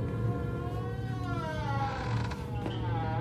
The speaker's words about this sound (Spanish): Detrás de él, se abre despacio la puerta de un almacén.